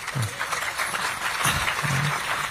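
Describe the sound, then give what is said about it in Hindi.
A crowd claps steadily for a poet reciting verses, in a dense, continuous patter of applause, with some faint voices murmuring underneath. “सभी तो रिकॉर्ड कर रहे हैं तो ताली कौन बजाएगा।”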